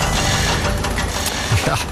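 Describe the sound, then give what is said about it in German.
Busy construction-site din in Switzerland, with hammering, drilling and grinding: a steady, dense mechanical rumble and grinding, broken by a few sharp metallic knocks and clanks, with no pause across the whole stretch. “Das hier, das ist sozusagen der Soundtrack von der Schweiz. Ein Land der Baustellen sind wir. Überall hämmert es, es wird bohrt, geschliffen, verlegt, neue Strassenbeläge, Wohnblöcke, Bürogebäude.”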